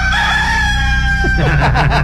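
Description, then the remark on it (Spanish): A rooster crows loudly, one long sustained call that breaks into rougher, wavering notes at the end, with a steady low hum of background noise underneath. “A ver, el gallo, otra vez.”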